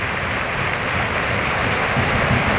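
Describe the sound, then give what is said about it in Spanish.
A stadium crowd at La Cartuja gives a sustained ovation for Raúl, a dense, steady roar of applause that stays loud and even for the whole stretch, with no clear individual voices. “Ovación para Raúl, de la Cartuja.”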